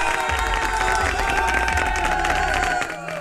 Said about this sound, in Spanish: A levantarse. Con tu radio, vamos, aplausos para ti.